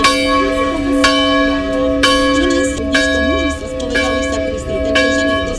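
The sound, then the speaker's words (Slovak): Church bells ring out loudly, with sharp strikes about once a second over a sustained, shimmering hum of overlapping tones. Faint murmuring voices sit beneath the pealing. These are the local bells of San Giovanni Rotondo, the pilgrimage site where Padre Pio is buried. “Počas púte na tomto mieste sprevádza návštevníkov aj typický hlahol miestnych zvonov.”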